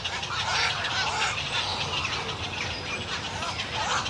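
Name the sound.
birds calling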